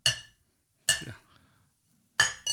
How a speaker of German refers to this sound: Ah, ich habe übrigens einen Schnapsal mitgenommen, schau. Das trinkt man ja auch immer ganz gerne bei uns in der Branche, oder? Da, schau, stoß mal an. Haben wir ein schönes Schnapsal, schau.